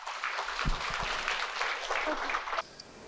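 A crowd claps steadily for about two and a half seconds, a dense, even patter of many hands at a fairly loud level, then it stops abruptly and leaves only faint room noise.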